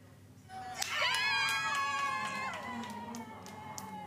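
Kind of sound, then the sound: crowd, audience cheering and applause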